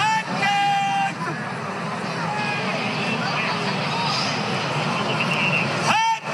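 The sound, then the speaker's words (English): An old man's loud, drawn-out vendor's shout of "hot dogs" rises over steady crowd hubbub at a baseball game as he sells hot dogs, with a long sustained call at the start and another brief holler at the very end. “Yeah, what you can hear is an old gentleman selling hot dogs at the baseball game.”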